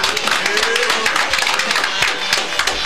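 A burst of applause: many hands clapping in a dense, crackling wash that holds steady at a fairly loud level for about three seconds.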